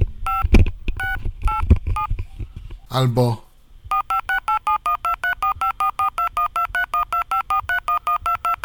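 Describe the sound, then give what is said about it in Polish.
A rapid run of DTMF dialing tones from a dialer, about fifteen short evenly spaced dual-pitched beeps, loud and clear, following a burst of speech and a brief voiced sound; such signals can trigger commands via the Zara radio software's tone detector. “No i wrócę teraz do spraw DTMF-ów, o których mówiłem w pierwszej części Tyflo Podcastu.”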